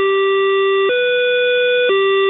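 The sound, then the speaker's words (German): A Berlin train's door-closing chime, from the older train series: three loud, sustained electronic tones of about a second each, the middle one pitched higher than the two around it, clean, with no talking. “Der Türschließ-Dreiklang passt ja nicht ins EU-Recht und muss bei jedem neuen Zug durch Piepsen ersetzt werden.”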